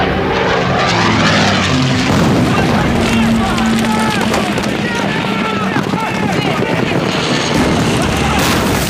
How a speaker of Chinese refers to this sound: 飞机来的真快，我们刚占领马家坡，他就到了。